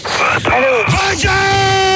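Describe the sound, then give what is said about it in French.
A man yells loudly and forcefully, his voice strained and sustained across a couple of seconds, dominating everything else. “Bonjour, arrête de crier, merde.”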